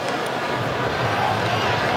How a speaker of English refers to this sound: Almost right on cue. By the way, the groans you just heard from the crowd here in Seattle is because of the update on the big screen. And I'm seeing that Belgium has taken now a 2-0 lead, which is not what the Pharaohs are hoping for